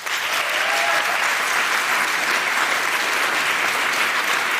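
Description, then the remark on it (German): An audience applauds steadily to vote for a favourite, dense clapping from many hands at a constant, fairly loud level for several seconds without any break or speech. “Ihr dürft jetzt gleich einmal für euren Favoriten klatschen.”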